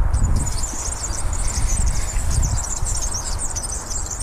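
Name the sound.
squeaking unoiled bicycle chain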